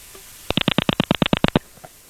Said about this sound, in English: and he'd always give us that little... He'd rotate the dial for us.